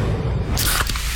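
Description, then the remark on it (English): A can of Pepsi Zero Sugar cola cracks open with a sharp hiss, followed by a bright, steady fizz of carbonation bubbling. “You hear that? That's the sound of Pepsi Zero Sugar, the better tasting, more refreshing Zero Sugar Cola.”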